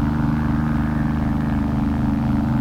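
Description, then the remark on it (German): Steady low rumble of car engines from a nearby street, the Veteranen, droning continuously at an even level without clear pass-bys, with no voices present. “Die Autos auf der Veteranen.”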